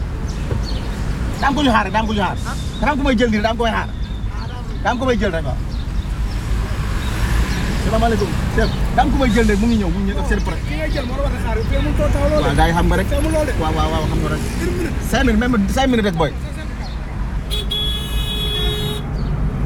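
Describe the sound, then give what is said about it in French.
Steady roar of street traffic with buses and other vehicles passing, a car horn toot near the end, while people talk over the noise. “Tu es là dans 5 minutes, alors on essaye de ne pas se faire chasser par les bus.”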